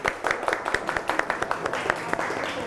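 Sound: group clapping hands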